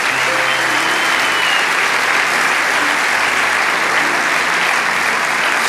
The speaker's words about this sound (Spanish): Vamos, dale ese aplauso.